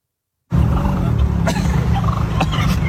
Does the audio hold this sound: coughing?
no